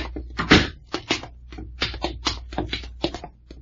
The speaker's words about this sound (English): Hold it. Open the door, Packard. Right.